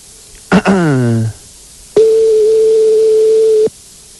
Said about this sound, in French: Donc là, on est en train de composer le numéro de téléphone de McDonald's. Voilà, c'est en train de se faire. C'est parti, ça sonne.